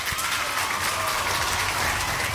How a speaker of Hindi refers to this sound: तो आप सभी ने सही जवाब दिया है, इसलिए आपके लिए यहाँ बजेंगी तालियां।